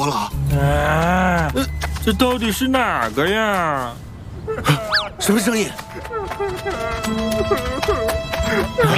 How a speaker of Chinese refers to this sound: 什么声音？你咋了？哭得这么伤心？